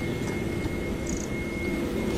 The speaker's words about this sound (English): Again, apologies if you can hear one of these US military jets whirring its engines in the distance, but hopefully you can hear me. We're on the edge of RAF Fairfield,